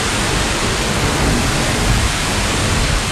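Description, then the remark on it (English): A loud, steady rush of water gushing out under pressure from a burst water main, a dense continuous roar that fills the whole moment without letting up. No voices are heard. “Hey, this water main is under a ton of pressure.”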